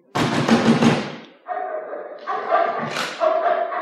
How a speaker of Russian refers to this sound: и на самой хорошей улице выбрал самый уютный домик и постучал.